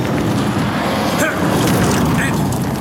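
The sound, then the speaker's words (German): A car with full-beam headlights speeds toward a person walking along a driveway, its engine roaring loudly and steadily with a constant rushing, wind-like noise and no break. “Als ich dann zu Fuß die Zufahrt zu Crowninshield passierte, kam mir mit großer Geschwindigkeit ein Wagen mit aufgeblendeten Scheinwerfern entgegen.”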